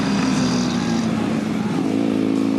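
A VFR 1200 motorcycle engine of 186 horsepower roars loudly, holding a steady throaty drone that dips slightly in pitch and then climbs again as it revs, continuous for the whole few seconds.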